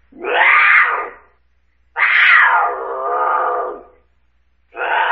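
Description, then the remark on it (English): A mountain lion screams three times, each a loud, harsh, wavering yowl lasting about a second, with short silent gaps between them and no talking over the cries. “Mountain lion? You're both right.”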